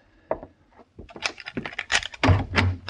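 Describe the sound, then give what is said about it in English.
A hotel room door in San Francisco, 1875, is unlocked and opened: a quick series of sharp metallic clicks and rattles from the lock, followed by a louder clatter as the door swings open, with no talking. “You lock door, Mr. Paladin? It didn't lock itself”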